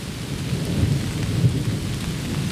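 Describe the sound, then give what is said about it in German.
Steady rain patters on the leaves high in the trees of an old, protected beech and oak forest, a dense, continuous hiss with a low rumbling undertone, heard alone without any voices. “Hoch oben in den Bäumen prasselt der Regen auf die Blätter und kommt bei uns hier unten erst nach und nach an.”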